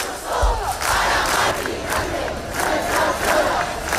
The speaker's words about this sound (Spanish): El ático de Ayuso para Mari Carmen, gritaban algunos. Sonido de Madrid, donde cerca de 10.000 personas se concentraban frente al ático comprado por la comunidad.